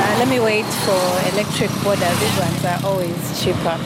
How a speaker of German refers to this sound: Der Auspuff zeigt ihr sofort an, dies ist ein herkömmliches Motorrad mit einem Verbrennermotor.